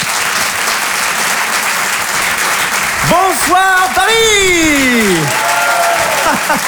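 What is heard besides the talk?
audience applause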